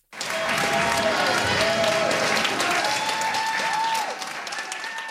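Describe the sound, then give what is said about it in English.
A crowd applauds steadily and loudly, with scattered cheers and whoops rising over the dense clapping before it eases slightly, as federal, provincial and local government representatives sign an agreement giving an Innu community in Quebec full jurisdiction over its child welfare services. “The crowd erupted with joy as federal, provincial, and local government representatives signed the agreement, making this the first Indigenous community in Quebec to have full jurisdiction over its child welfare services.”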